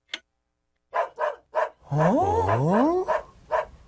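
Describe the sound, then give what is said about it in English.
A dog barks three times in quick succession, then lets out a drawn-out, wavering whine that rises and falls in pitch, followed by a couple more short barks. “Doggy? Doggy.”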